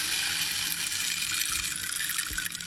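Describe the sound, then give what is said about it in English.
A rain stick tipped slowly, giving a steady, dense rattling hiss like falling rain that continues without a break, moderately loud. “I'll play the rain stick.”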